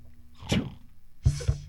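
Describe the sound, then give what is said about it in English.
A person makes two short, sharp sneeze sounds, the second burst fuller than the first, with a quiet low hum in between. “Sneeze, my man.”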